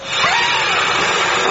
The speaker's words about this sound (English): Oh, I thought I'd done that bit by the door. What is that disgusting mess? Karen, are you listening? The Hoover's not picking it up!